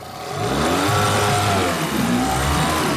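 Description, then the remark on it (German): An 8 hp motor with a special gearbox on a 12-metre tourist raft at the town harbour of Eggesin drones steadily and loudly, its pitch shifting slightly as it revs, with a broad noisy wash underneath and no voices. “Der 8 PS-Motor mit Spezialgetriebe an seinem Floß.”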